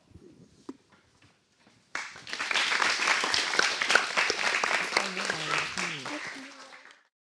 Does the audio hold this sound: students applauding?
yes